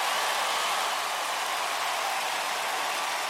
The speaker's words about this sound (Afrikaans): Lekker met die reën daar buite op hierdie lieflike donderdagoggend, die 3de September.